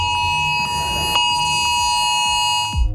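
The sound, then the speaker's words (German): A mobile phone emergency alert sounds during Germany's nationwide Warntag test at 11 o'clock, ringing even on phones set to silent: a loud, steady, piercing electronic tone with high harmonic overtones, holding unbroken for about three seconds before it cuts off. “So Leute, jetzt wird's laut, weil in 16 Minuten um 15 Minuten um 11 Uhr macht euer Handy dieses Geräusch.”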